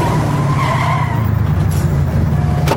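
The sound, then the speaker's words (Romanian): A car's tires screech loudly as it brakes hard, a sustained skidding squeal over a low engine rumble lasting a couple of seconds before the vehicle grinds to a stop. “Oprește mașina sau sar din mers, am zis.”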